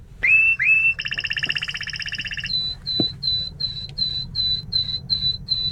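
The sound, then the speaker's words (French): A songbird sings two rising introductory notes, then a fast buzzy rattle, followed by a long series of clear, evenly spaced whistled notes over a low background hum. “Il y a quelques notes d'introduction, puis ce son de crécelle, et puis après ce sifflet.”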